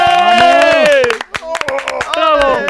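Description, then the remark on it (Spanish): A small group claps steadily while voices whoop and cheer loudly over it, the applause continuing lively for a few seconds, given for someone passing an exam. “pero todos vamos a darle un fuerte aplauso por ese aprobado.”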